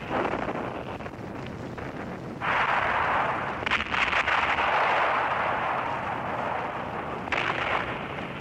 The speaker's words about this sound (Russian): Все кругом сотрясается от гула. Снаряды рвутся.